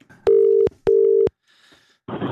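A telephone line tone sounds twice as steady, loud, evenly spaced beeps, followed by faint static and then a short burst of crackly noise as the call connects.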